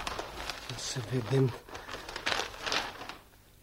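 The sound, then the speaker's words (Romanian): Newspaper pages rustle and crinkle in several dry, papery bursts for about three seconds, with a brief low murmur of voice partway through before the crackling fades out. “A sosit ziarul.”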